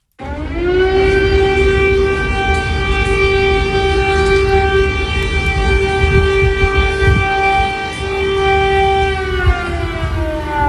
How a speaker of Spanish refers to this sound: Esto es el sonido real. Es el sonido real en Kiev, en la capital de Ucrania. Corresponde a las sirenas que avisan de un peligro inminente.